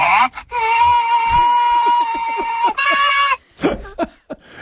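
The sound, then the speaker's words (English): A person imitates a car horn, as a honk at oncoming drivers, with one long, steady, nasal honk held for nearly three seconds, loud and brassy, likened to the horn of an old Acura, followed by a few brief breathy vocal sounds. “No, just like make a honk noise at them. Not a clown horn.”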